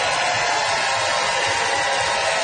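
An audience at the Gas Station Art Center applauds to vote on a debater's pro-moderation arguments, in a dense, steady wash of clapping that holds at an even, fairly loud level for a couple of seconds, with no individual claps standing out and no voices.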